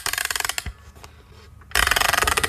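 A music box being wound: a quick run of dry ratcheting clicks, a brief quieter pause, then a louder, denser burst of rasping clicks with no voices.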